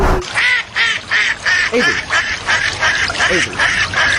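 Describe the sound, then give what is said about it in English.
A duck quacks loudly, a rapid run of about eight or nine raspy quacks in steady rhythm, with no pause between the calls: a duck's mating call, with its wings splashing in the water. “You hear their wings splashing in the water.”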